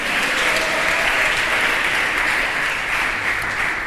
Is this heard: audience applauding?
yes